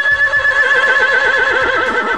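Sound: horse neighing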